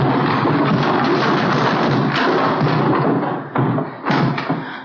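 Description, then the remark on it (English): Heavy barrels are pushed over, toppling and rolling in a long, loud rumbling crash, with a few separate hollow thuds near the end as they come to rest. No one speaks. “When I give the word, help me push these barrels over.”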